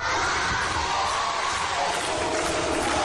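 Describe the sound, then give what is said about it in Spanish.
A large crowd at Club 90 in Huesca chants "campeona del mundo" and cheers for world champion gymnast Inés Bergua, a loud, dense wall of many voices that holds steady for about three seconds without a break. “Al grito de campeona del mundo recibía ayer el Club 90 Inés Bergua a la gimnasta orcense que visitó a su club, al Club 90, homenaje y cariño para Inés Bergua, que ayer estuvo en Huesca.”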